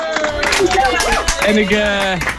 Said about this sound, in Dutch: Maak ze zo een groot applaus voor Stichting voor de Kinderen.